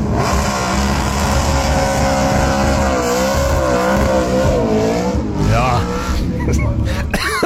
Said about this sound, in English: All that smoke. If you guessed GT Falcon, you're on the money.